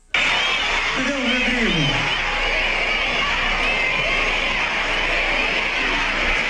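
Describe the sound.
A large concert crowd roars steadily and loudly, many voices blending into a dense wash as they chant a name together, with one sliding vocal call rising above the noise early on.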